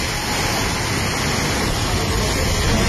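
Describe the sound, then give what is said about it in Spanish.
Floodwater from a storm rushes down a street in Madrigueras, Albacete, Spain, in a loud, steady roar, a dense continuous wash of churning water with no pauses and no voices. “La localidad más afectada por el temporal es Madrigueras, en Albacete, donde las calles se han convertido en ríos de agua.”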